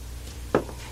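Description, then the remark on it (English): A single solid thump rings out midway as a door swings closed, followed by a brief quiet with faint room hum and another sharp knock at the very end. “Shut the door.”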